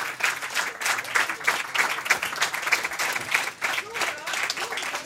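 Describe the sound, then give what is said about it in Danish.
A large audience at Kulturmødet Mors applauds steadily for the rap performers on stage during a live P1 radio broadcast, a dense wash of many hands clapping that holds at a fairly even loudness throughout, with no one speaking over it. “Kæmpe hånd til ….”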